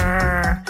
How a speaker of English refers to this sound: And eavesdropping on rockfish to tell one type from another. It sounds like this croaking, grunting.